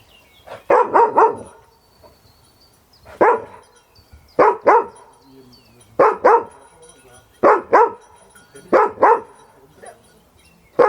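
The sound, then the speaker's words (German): A search dog barks loudly during a search-and-help exercise, in a repeated series of sharp barks, some in quick doubles or triples, with short pauses between bursts. “Er fängt an zu bellen.”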